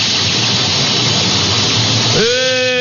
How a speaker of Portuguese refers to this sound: a panela tá no fogo, ó. A panela tá no fogo. E eu quero saber o que é que tem na panela do padre hoje, hein? Ó, escuta aí, ó. Escuta o cheiro aí, ó. Escuta.